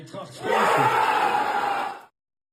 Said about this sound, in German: So klang das dann eben. Großer Jubel.